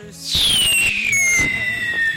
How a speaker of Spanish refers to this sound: Hoy sí, los cohetes, tirémoslos. Vámonos, vámonos, vámonos, vámonos.